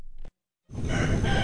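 A brief pause, then a rooster crows loudly, a bright, strained call cut off after less than a second. No one speaks.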